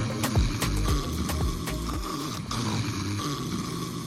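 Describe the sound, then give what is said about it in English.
Someone snores loudly while asleep, a rough, rattling buzz that repeats in quick, uneven bursts across the few seconds with no talking. “Is this how you sound when you are asleep? Snoring is not just noise.”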